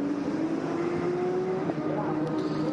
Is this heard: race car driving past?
yes